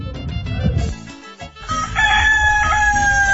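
A rooster lets out a loud crow, its drawn-out strained call sliding slightly downward in pitch, following a brief burst of rough, noisy sounds at the start. No one speaks.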